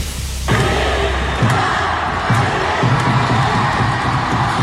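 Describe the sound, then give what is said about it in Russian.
A loud crowd of fans of the hockey club Yugra roars and cheers continuously, celebrating the team winning the Russian championship, with repeated low rhythmic thumps and bursts of shouting rising over the dense noise. “Встретили болельщики хоккейного клуба «Югра» чемпионство любимой команды.”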